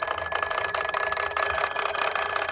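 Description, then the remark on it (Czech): An old bakelite crank field telephone of the kind used by soldiers rings nonstop at a museum exhibition, its bells clattering in a rapid, metallic, high-pitched trill that stays loud and steady throughout, with no voices. “Ten na druhé konci expozice již zvoní.”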